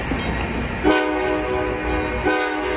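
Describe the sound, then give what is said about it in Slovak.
A train horn hoots in two loud, sustained blasts, the second starting just after the first fades, with steady rumbling rail noise underneath and no voices. “No a to nahrávanie museli dokonca dvakrát stopnúť kvôli húkajúcemu vlaku.”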